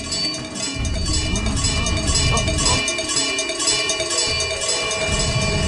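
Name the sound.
cowbell ringing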